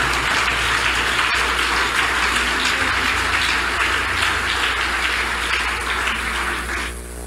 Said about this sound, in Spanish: ¿Le puede dar un aplauso a Jesús con todo el corazón?